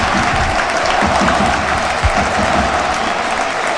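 A large crowd in the stands of El Arcángel stadium in Córdoba applauding steadily at half-time of a football match, Córdoba leading Girona 2-0; a dense wash of clapping with some cheering mixed in, sustained and fairly loud throughout with no one speaking over it.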